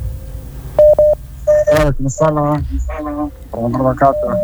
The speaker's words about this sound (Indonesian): Oke, kita terima dulu telepon berikut ini. Sudah terdengar dering-dering teleponnya.